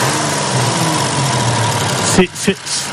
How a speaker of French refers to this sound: Je laisse écouter le moteur quand même, qui a un bruit assez sympa. Et ce moteur Maserati, c'est un V6 ouvert à 90 degrés, de 2,7 litres de cylindrée. Avec trois carburateurs double corps Weber.